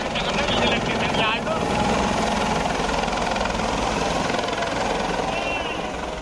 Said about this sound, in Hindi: हापुड़ की डीएम कविता और एसपी कुंवर ज्ञानंजय सिंह ने हेलीकॉप्टर से उड़ान भरकर बाकायदा शिव मंदिर और ब्रज घाट पर कांवड़ियों के ऊपर पुष्प वर्षा की तस्वीरें देखी, जिसको देखकर श्रद्धालुओं में काफी उत्साह नजर आया।